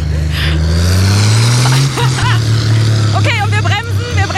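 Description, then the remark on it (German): A tractor's diesel engine roars loudly on a test run of a tractor pulling track, its deep drone climbing in pitch as it revs hard and stays strained throughout, black smoke pouring from the exhaust, with voices audible over the engine noise. “Ey, so geil, dieses Motorengeräusch und dieser schwarze Rauch, der da rauskommt.”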